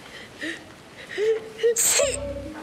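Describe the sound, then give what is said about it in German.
A few soft, wavering voiced whimpers build up to one sharp, hissing sneeze, followed by a brief low rumbling sound. “Du hast nur geniest.”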